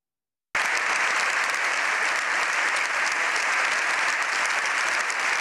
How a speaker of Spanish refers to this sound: Casi 7 minutos de aplausos han despedido al Papa tras su histórico discurso en el Congreso, que ha durado casi media hora.